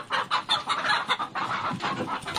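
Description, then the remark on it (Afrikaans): Several chickens on a farmyard squawk and cluck in a frantic, overlapping commotion as they scatter from a large eagle swooping down to catch one, loud, with rapid bursts of cries following one another without pause. “Net toe hoor die gesin 'n groot lawaai op die werf.”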